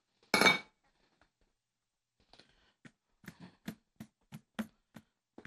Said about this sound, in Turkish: Bakın nasıl kaynıyor lazanyam. Tencerede bakar mısınız? İnanılmaz bir kaynama. Fokur fokur. Fokur fokur. Kıstım aslında altını, biliyor musun?